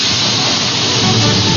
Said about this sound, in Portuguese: A panela tá no fogo aí, ó. Olha que beleza.